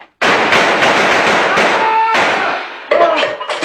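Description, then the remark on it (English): Loud, rapid gunfire in a shootout between a police sergeant and a suspect behind a car: a dense, continuous barrage of overlapping cracks and bangs, a brief ringing whine partway through, then a short final burst of shots. “Nice shooting, Sergeant.”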